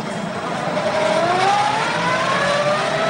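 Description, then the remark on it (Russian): A car drives by on its way into a port, with a woman clinging to it, loud, its engine droning with a steadily rising pitch over a broad wash of road noise, with no one speaking. “цепляется за машину, проезжающую в порт.”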